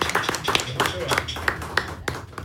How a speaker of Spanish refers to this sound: Sí, señor. Aplauso.